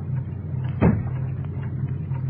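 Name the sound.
street door being opened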